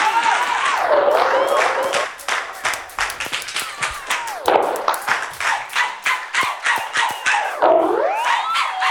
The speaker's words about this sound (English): Everybody give yourself a round of applause tonight for coming out.